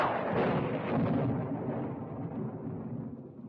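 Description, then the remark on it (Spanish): A long, deep rumble of thunder rolls in with a sharp onset, then slowly fades while staying loud and broad, heard alone with no voices. “No te asustan los truenos, ¿verdad que no?”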